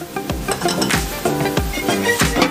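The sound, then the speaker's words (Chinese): Seafood is stir-fried in a hot wok: food sizzles steadily, with repeated scraping and tossing strokes about every half second over a continuous crackling hiss, fairly loud, with no voices. “海鲜小炒，出锅前撒入少量白胡椒粉，快速挥发的胡椒碱能在去除腥气的同时，最大限度保留食材的鲜甜。”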